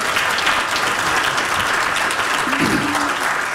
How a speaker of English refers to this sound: Before I say anything about myself and my work, it's really not about me. It's about TE, isn't it? So that's another round of applause.